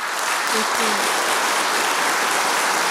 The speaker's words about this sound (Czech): Já myslím, že si klidně může ještě jednou a nejednou vychutnat ten potlesk.